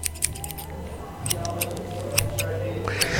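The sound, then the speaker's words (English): Scissors snip through paper to make a Cthulhu cutout in a series of quick, sharp clicks, the crisp cuts coming irregularly over a low steady hum. “I'm making a Cthulhu cutout here.”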